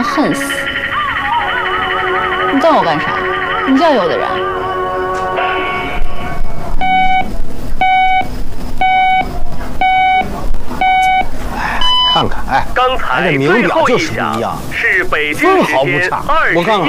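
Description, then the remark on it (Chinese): A radio time signal marking 21:00 Beijing time: five short, evenly spaced mid-pitched pips one second apart, then a higher-pitched final tone, heard under ongoing talk and background sound. “是北京时间 分毫不差。 21点整， 我看看， 真准。”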